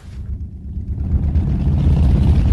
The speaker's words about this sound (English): On the edge of Pakistan's border with Iran, thousands of motorbikes are gathered together, kicking up dust in blistering heat. The riders' faces are protected with scarves and goggles.